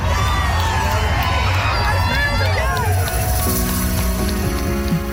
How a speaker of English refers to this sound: A record 6,000 people marched together through the streets and thousands more lined the sidewalks, smiling, cheering, and everyone just dancing and having a fun time together.